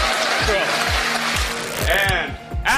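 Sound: audience applause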